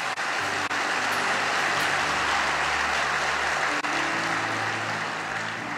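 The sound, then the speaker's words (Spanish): Sustained applause from a crowd, given to God: a dense steady clatter of many hands clapping at an even loudness for several seconds, with a low rumbling hum underneath and no talking. “¿Le das aplausos a Él?”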